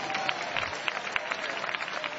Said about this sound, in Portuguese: E nós estamos num ambiente pentecostal, onde você pode adorar a Deus, você pode bater palma, pode dar glória a Deus, só não pode ficar calado na presença do nosso Deus, amém?